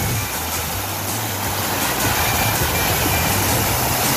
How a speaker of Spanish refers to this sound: Ese sonido, ¿no? Agua y agua, que va bajando por el río, allá en Vallenar,